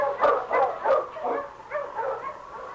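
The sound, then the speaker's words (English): Sled dogs pulling a dog sled bark and yip in a rapid, uneven series of about six sharp bursts, moderately loud, with no voices, as snow begins to fall. “We'll take this dog sled up there where ours is waiting.”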